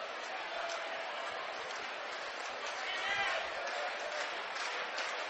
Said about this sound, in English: OU fans starting to clap.